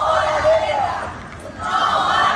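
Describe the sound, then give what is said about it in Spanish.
A crowd of about 200 protesters in the streets of Toledo, marching to the town hall square in the morning against all wars and armed conflicts, shouts together in a dense, steady roar of many voices, dipping briefly in the middle before swelling back up loudly. “Los toledanos han querido lanzar hoy un grito contra todas las guerras y conflictos que hay actualmente en el mundo.”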